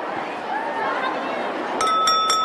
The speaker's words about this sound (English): In the Great Hall, Slytherin banners hang from the ceiling. At the head table, McGonagall taps a spoon on her glass.